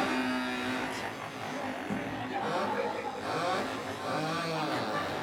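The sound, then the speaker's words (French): Several voices imitate buzzing moped engines, their pitches rising and falling in overlapping revs, a loud, continuous crowd of vocal engine noises throughout. “Voilà, on entend déjà les mobilettes.”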